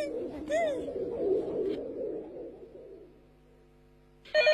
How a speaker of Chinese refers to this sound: 快听电话 啊。